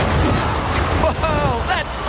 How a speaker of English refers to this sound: A human shot out of a cannon 75 feet into the air with nothing but pure pizzazz. You'll be telling your mates about it for days. But blink and you'll miss it.